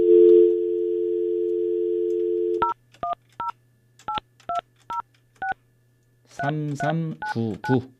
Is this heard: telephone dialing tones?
yes